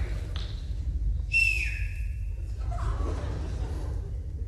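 Someone gives a short whistle, a thin steady tone that slides downward and breaks off, followed by a fainter lower note, all over a constant low rumbling background.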